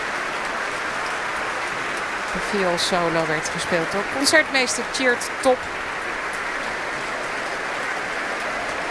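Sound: concert audience applause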